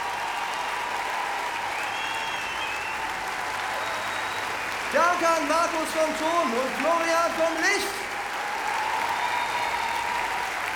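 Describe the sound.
Steady audience applause for the band at the show This is the Greatest Show 2026 fills the whole stretch, a dense wash of clapping that continues while a man speaks over it through an amplified microphone partway through.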